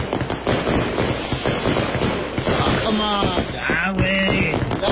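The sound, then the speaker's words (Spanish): Rapid, crackling bursts of firecrackers pop in dense, irregular volleys throughout, loud and sharp, with faint whistling tones rising near the end and people's voices mixed in. “Oye, trueno.”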